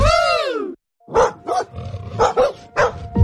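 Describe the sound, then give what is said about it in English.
A dog lets out a loud, drawn-out snarling growl, then breaks into a quick series of harsh, aggressive barks, forceful, with no one talking. “If a dog starts barking or charging towards you, know what to do.”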